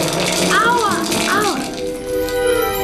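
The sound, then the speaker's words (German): Hard hail, made by a girl concentrating, pelts down inside a shower where a boy is showering, a dense, steady clatter mixed with spraying water, while the boy's voice cries out over it. “Sie konzentrierte sich und ließ es in der Dusche hageln.”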